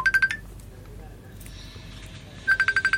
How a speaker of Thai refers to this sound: นี่นะครับโทรศัพท์จาก Messenger นะโทรแบบวิธีนี้แหละมันถึงคุยกันไม่ได้นี่รับสายแล้วนะครับ